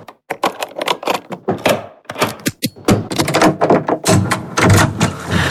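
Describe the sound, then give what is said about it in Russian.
A rapid series of metallic clicks, clacks and thunks as a guest in a hotel unlocks the nine locks on a door one after another, with brief pauses, fairly loud, with no talking. “Подождите, сейчас открою.”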